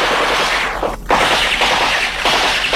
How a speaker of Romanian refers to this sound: Dar cu împușcăturile astea ce e? Astea au fost între cele două recorduri.